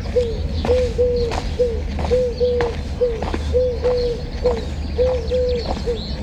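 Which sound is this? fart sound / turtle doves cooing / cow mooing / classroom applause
turtle doves cooing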